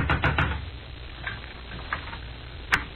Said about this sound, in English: There was one answer to that, so I went out in the street and up the steps of the house next door and knocked, good and loud.